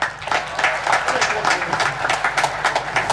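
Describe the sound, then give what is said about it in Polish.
An audience applauds steadily after a list of names is read out, a dense wash of many hands clapping at a fairly even level for the whole stretch, with no pause or build. “proszę nie klaskać, to znaczy nie klaskać po każdej, tylko po wszystkich wymienionych na końcu.”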